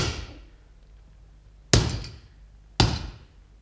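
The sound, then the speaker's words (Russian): A hammer strikes three times at an uneven pace, each blow a sharp, ringing crack that fades over about half a second, with quiet pauses between. “Давай молоток.”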